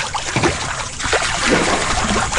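Water sloshing and lapping in a hot tub, a steady, fairly loud wash of splashy, trickling noise with small irregular surges and no voices.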